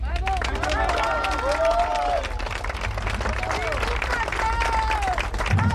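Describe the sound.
A crowd applauds steadily with dense, continuous clapping, mixed with scattered shouts and voices rising through the noise, sustained at a strong level throughout.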